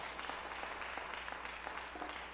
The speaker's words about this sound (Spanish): Démosle fuerte ese aplauso al Rey.